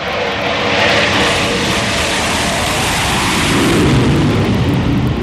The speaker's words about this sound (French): Voilà, les Rafales sont à l'aplomb du porte-avions. Donc là, ils sont en train de revenir de leur mission Mars Strike. Ils orbitent autour du porte-avions, et donc ils se configurent petit à petit pour se préparer à l'appontage.